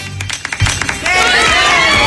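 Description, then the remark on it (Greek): A few scattered claps at first swell into steady, fairly loud applause from a group, with voices murmuring and calling out underneath. “Δεν θέλω χειροκροτήματα.”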